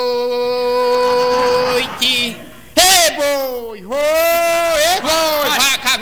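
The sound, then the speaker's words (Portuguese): A person imitates an ox lowing during a song: a few long, drawn-out moo-like vocal calls with wavering, sliding pitch, loud, separated by short breaks. “Nessa música não tem boi não, coronel. Mas o boi é meu, eu boto onde eu quiser.”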